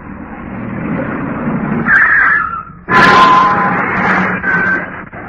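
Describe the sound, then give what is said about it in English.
A car, driven by a naval sub-lieutenant, approaches with a rising engine and then pulls up, its motor growling loudly with a brief squeal near the stop, no voices over it. “I think this is their car now, sir.”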